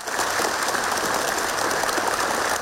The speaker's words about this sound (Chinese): 李军宣布选举结果，会场响起热烈掌声。